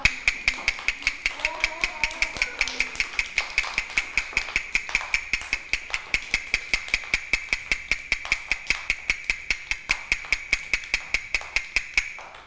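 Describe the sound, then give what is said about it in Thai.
A steady, fast series of sharp taps, evenly spaced at roughly three to four per second, continuing for the whole stretch at moderate loudness with a faint continuous tone in the background, played as the fast rhythm for children to name in a movement and rhythm activity. “คือจังหวะอะไรคะจังหวะเร็ว”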